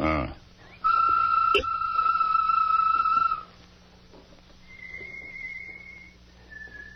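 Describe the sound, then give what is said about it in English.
A loud, sustained whistled bird call imitation given by Tonto rings out for a few seconds, followed by two fainter, higher whistles answering, with a low background hum throughout. “Give a bird call, Tonto.”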